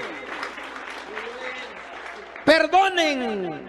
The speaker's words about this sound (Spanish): Dele un aplauso al Cristo de la gloria. Aleluya.